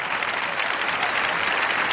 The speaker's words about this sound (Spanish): Vamos a estar bien atentos. El aplauso a Jesucristo.